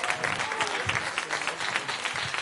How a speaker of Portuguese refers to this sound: Palmas para Jesus Cristo.